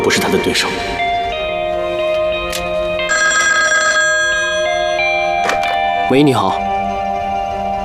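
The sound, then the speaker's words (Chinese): A telephone rings with a bright electronic trill that bursts out loud for about a second, over sustained tones and a few sharp knocks. Voices can be heard in the background. “电话，那儿电话，那儿。”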